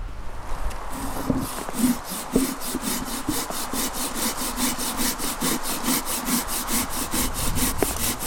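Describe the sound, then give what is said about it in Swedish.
A hand saw cuts through a tree branch while pruning, in quick, steady back-and-forth strokes, about three per second, each stroke a raspy, scratchy hiss that carries on evenly for several seconds with no talking. “Då beskär jag hellre dem på sommaren för att lugna ner dem.”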